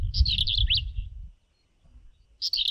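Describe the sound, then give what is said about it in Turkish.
A bird in Bodrum sings a quick run of high, squeaky chirps and trills beginning with a squeaky 'plit' note, pauses for about a second, then starts another bright burst, with a low rumbling background underneath. “Ötüşü gıcırtılı plit hecesiyle başlıyor ve bunu bilmiyordum.”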